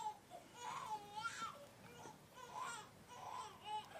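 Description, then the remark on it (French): A baby cries in repeated wailing bursts, rising and falling in pitch, not loud, with short pauses between each cry and no talking. “Maman, le bébé pleure.”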